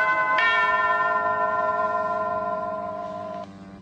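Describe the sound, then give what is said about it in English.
A bright bell chime strikes and rings out with a long, steady sustain, fairly loud, with another faint strike just before the end. “Geniet het ding dong dag”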